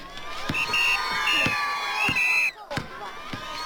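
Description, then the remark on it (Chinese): A lively crowd of spectators cheers and shouts at a ball game where Zhu De plays with soldiers, with shrill whoops rising above the din and a few sharp claps or thumps scattered through it; the noise dips briefly before picking up again. “朱德在球场上和战士们奔跑、抢球、投篮，你争我夺，引起全场观众阵阵掌声和叫好声。”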